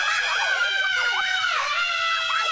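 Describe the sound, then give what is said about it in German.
A crowd of riders screams together on a roller coaster: loud, overlapping, high-pitched shrieks that swoop up and down in pitch and hold steady throughout, continuous. “Jeder sagt doch vor der Achterbahn den immer selben Satz. Ah, diesmal schreie ich aber nicht. 3 Sekunden später.”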